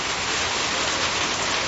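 Steady, dense winter rain pours down in Victoria, Australia, in an unbroken, loud hiss, with no gaps or voices over its brief length.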